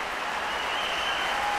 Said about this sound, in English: Crowd going wild.